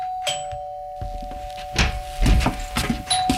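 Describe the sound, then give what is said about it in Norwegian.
A doorbell rings with a sustained electronic tone that carries through the whole clip, over scattered knocks and bumps of movement. “Samme skjer hvis man opplever at det ringer på døra, og så er man opptatt med noe annet.”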